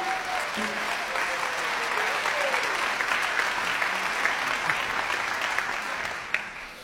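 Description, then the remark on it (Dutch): Sustained audience applause for the NBE, a dense wash of many hands clapping at a steady level for several seconds before easing off slightly at the end. “Een groot applaus voor het NBE, graag.”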